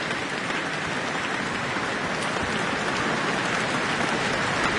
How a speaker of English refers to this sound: And obviously, a lot of applause here from a sold-out town hall to see Chloe Chua perform the Tchaikovsky Violin Concerto.